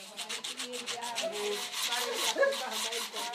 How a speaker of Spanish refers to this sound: En el edificio de la organización Marine Cultures se afilan los cuchillos.